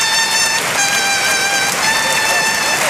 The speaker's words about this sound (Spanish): Gran ovación para Luis Blázquez, montera en mano a la altura de la Puerta del Príncipe. Le aplaude Borja Jiménez, la plaza en pie. Todos los banderilleros, aplaudiendo los compañeros, Luis Blázquez.